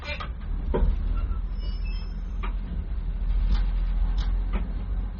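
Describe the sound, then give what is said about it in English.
A 40-ton train slowly pulling out of Prague's main station, a steady low rumble with occasional clunks and metallic creaks from the cars, moderately loud. “The 40-ton train slowly rolls down the tracks of Prague's main station.”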